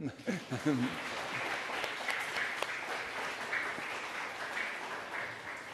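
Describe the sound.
An audience applauds steadily for several seconds, a dense crackling wash of many hands clapping, with a brief bit of voice at the start before the clapping carries on alone.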